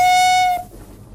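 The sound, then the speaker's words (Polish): A Bieszczady narrow-gauge railway train sounds a single loud, steady whistle blast about half a second long, which cuts off and leaves a faint low rumble. No one speaks. “Bieszczadzka kolejka wąskotorowa.”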